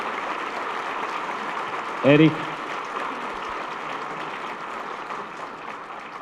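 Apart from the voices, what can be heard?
audience applause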